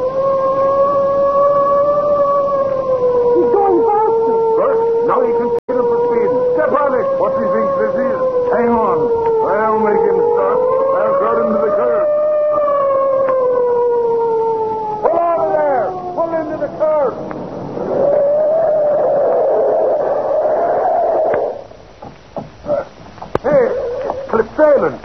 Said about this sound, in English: That spalpeen, is he trying to race with me? Give him the siren. That I will.